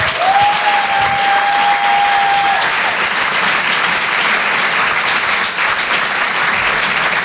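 Loud, sustained audience applause fills the whole stretch, a dense roar of clapping with a brief whistled tone rising over it near the start, as a stage audience welcomes a comedian.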